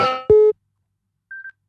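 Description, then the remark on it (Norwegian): A telephone rings: a click and a short, loud, steady low electronic tone, then after a second of silence a fainter, higher tone in two quick pulses. No one speaks. “Det ringer, hør, hvem”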